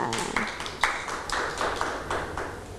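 A group of children clap their hands together in a loose, steady rhythm, roughly two claps per second, moderately loud, with no talking over it, applauding a child who made a clay snowman in a modelling activity.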